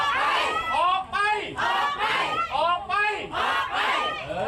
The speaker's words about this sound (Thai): ชัดเจนเลยนะคะรวมตัวกันชูป้ายตะโกนบอกออกไปออกไปมีการเรียกร้องนะคะให้ผู้บริหารชุดปัจจุบันค่ะออกไป